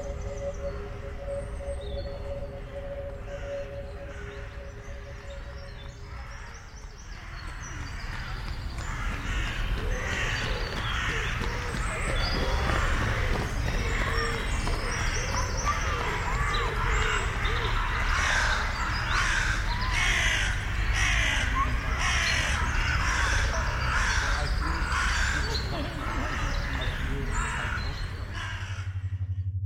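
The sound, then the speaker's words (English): Outdoor ambience beneath a railway trestle bridge carrying train tracks on Tanyard Creek Trail in Atlanta, Georgia, USA: a steady low rumble throughout, a faint sustained tone at first, then loud, repeated crow caws ringing out over the background. “Found listener from Atlanta, United States of America, playing nearby sound, Tanyard Creek Trail, Atlanta, GA 30309, USA, under Trestle Bridge train tracks by Sound Hunter.”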